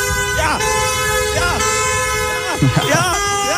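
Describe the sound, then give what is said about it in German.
Several car horns honk continuously and overlap at the start of a free car wash event in Essen, sustained blaring tones with pitch wavering as vehicles pass, like a loud convoy moving through the street, with faint voices underneath. “Ja, das ist jetzt nicht der Autokorso der marokkanischen Fans nach dem Sieg bei der WM.”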